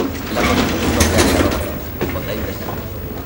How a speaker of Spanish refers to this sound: Una puerta corredera se abre ante ella.